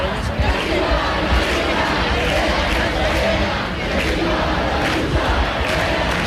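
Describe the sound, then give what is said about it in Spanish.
A large protest crowd at a peaceful encampment demanding the right to decent housing in Puerta del Sol, heard live, fills the scene with steady, loud whistling, jeering and insults, a dense roar of many voices shouting together without a break, with sharper bursts rising here and there. “Bueno, esos mismos insultos, esos mismos pitidos del público de los que nos hablaba nuestra compañera, que están ustedes mismos escuchando en directo”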